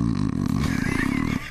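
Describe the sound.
A voice imitates snoring with a single long, rough, rattling rasp, loud and low-pitched, buzzing steadily before cutting off abruptly near the end.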